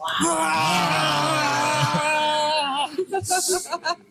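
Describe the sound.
A family's voices roar together in imitation of a bear as a child gets an injection in the thigh, a loud sustained growling cry lasting nearly three seconds, followed by a few short, choppy vocal bursts.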